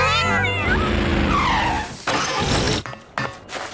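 kittens meowing

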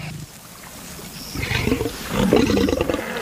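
lion roaring

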